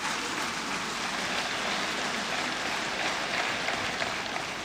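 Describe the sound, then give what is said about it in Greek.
A crowd applauds steadily for several seconds for the women and men of the armed forces, a dense, even wash of clapping that holds a constant loudness throughout, with no voices. “κανένα οπλικό σύστημα, όσο σύγχρονο και αν είναι, μεγάλο ή μικρό, δεν έχει αξία χωρίς τις γυναίκες και τους άντρες των ενόπλων δυνάμεων, τους ενστόλους μας, για τους οποίους παρακαλώ να επιφυλάξετε το πιο θερμό σας χειροκρότημα.”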